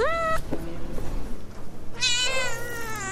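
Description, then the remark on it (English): Two drawn-out cat meows, one near the start and another after a pause, over a low, steady background murmur at Cat Town Cafe in Oakland, the first cat cafe in America, half coffee shop and half cat adoption center. “Half coffee shop, half cat adoption center.”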